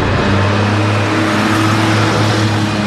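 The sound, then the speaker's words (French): Loud engines of four Traction Avant cars roar steadily as they come speeding in, carrying members of the Lyon Gestapo: a dense, continuous rumble with a low droning hum beneath it. No voices are heard. “Quatre tractions avant arrivent en trombe.”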